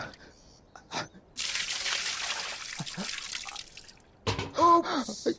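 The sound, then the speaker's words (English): Water splashes and pours onto the ground in a steady rush lasting a few seconds, bracketed by brief vocal sounds and a short gasp-like voice afterward. “Oops. How clumsy of me.”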